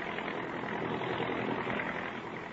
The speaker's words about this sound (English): Her face is marked with 88 years of living, but her sharp little eyes are alive with excitement as she peers out the window of a giant transport roaring out of the Omaha airport westbound on a night flight.